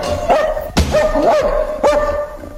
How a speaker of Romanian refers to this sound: De ce m-a latrat atâta câinele, Iuliana?